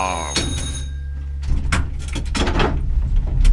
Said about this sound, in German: So, jetzt halt mal an und eine kleine junge Dame steigt weiter ein und die Handbremse wird gezogen, die Tür geht auf, eine junge Dame steigt und die wilde Fahrt geht weiter.